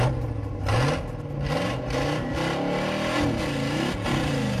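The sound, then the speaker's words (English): A car engine revs repeatedly, its pitch climbing and dropping in several throaty surges, loud with a steady mechanical whir underneath and no one talking. “All right, it's time to start your engines.”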